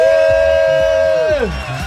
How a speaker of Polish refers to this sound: Machamy w stronę całej hali, bo wiemy, że gdzieś tam my oni słyszą. Jesteśmy, zróbcie hałas teraz dla Anety!